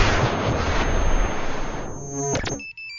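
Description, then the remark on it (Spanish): A harsh, noisy burst gives way to a short run of electronic tones and beeps like a mobile phone ringtone, fairly loud, with no talking. “Uy, Corroncho, ¿ahora con el celular?”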